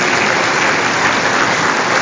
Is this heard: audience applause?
yes